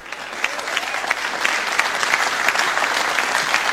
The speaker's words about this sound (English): Even though the applause has already happened, I'm going to do it.